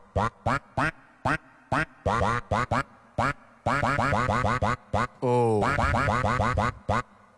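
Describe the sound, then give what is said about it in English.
A melody played entirely with duck quacks for a guess-the-song quiz, short rhythmic quacks bursting in quick succession with some longer sustained runs, loud, with no talking. “We're going to move on to quack number two.”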